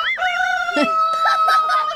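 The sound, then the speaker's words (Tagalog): Chickens cluck and squawk in a busy, overlapping stream, with a drawn-out crowing call running through the middle of the noisy flock. “Aliw ko pahilom na ang inyong mga manok, di ba?”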